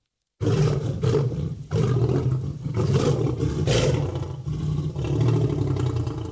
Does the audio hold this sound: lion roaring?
yes